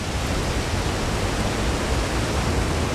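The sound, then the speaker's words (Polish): Wind from the Liwiec Valley blows at the castle in Liw, Poland, in a steady, unbroken rush of hiss and low rumble for about three seconds, with no voices. “Wieje. O tak, tutaj wieje. Wiatr z Doliny Liwca.”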